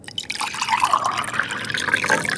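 Tea being poured from a kettle: a steady splashing stream of liquid whose gurgling pitch rises gradually as the cup fills, heard alone without any voices.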